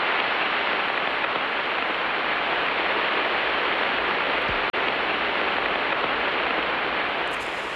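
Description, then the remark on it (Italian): Radio emissions from Jupiter rendered as dense, crackling static: a steady, loud hiss like heavy rain, continuous throughout with one brief click and dropout partway through, no voices. “E questo è Giove ascoltato alla frequenza delle onde radio.”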